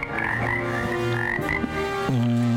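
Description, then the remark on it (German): Frogs croak loudly and continuously in a spring alpine meadow in South Tyrol at 1,402 metres altitude, a dense chorus of overlapping rhythmic calls, with no voices present. “Mit oder ohne Frösche?”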